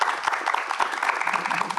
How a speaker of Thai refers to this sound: ขอเสียงปรบมือให้กับทั้ง3ท่านด้วยนะครับ